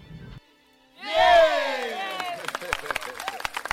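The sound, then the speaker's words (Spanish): A crowd bursts into loud whoops and cheering, quickly joined by a swelling round of dense, rapid hand clapping that continues steadily to the end. “¡Aplausos!”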